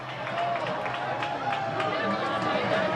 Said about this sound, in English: Yeah, they are still hopeful. I don't know if you can hear them, but they keep cheering and cheering and cheering.